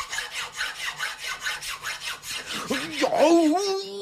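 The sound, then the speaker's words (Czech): A steady back-and-forth rasp of a thin, sharp metal file filing a piece of tongue, with the head resting on an anvil, about ten quick strokes, followed by a rising, wavering squeal-like tone at the end. “A já vezmu ještě tenčí a ostřejší pilník, než byl ten první.”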